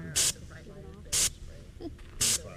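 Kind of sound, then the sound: tool, bear spray canister discharging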